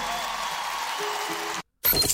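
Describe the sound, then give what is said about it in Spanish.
Steady, dense applause from an audience on the radio show Familiarmente on 88.3, for the guests accompanying the show that night. A broad wash of clapping runs for about a second and a half before cutting off abruptly, followed by a brief silence and then other sound. “Fuerte el aplauso para Mario, para Eduardo, para Emiliano y el zurdo que nos acompañan esta noche también.”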